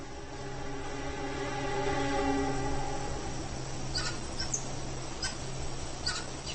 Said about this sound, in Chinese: 不过，危险不仅来自地面。黑雾就是食腐动物，但它们有时候也会捕食年幼的猴子。猴群又发出了警报。